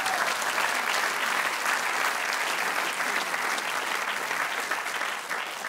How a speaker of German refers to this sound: Da klatschen alle, die damals beim Bau nicht verstorben sind. Das ist schön.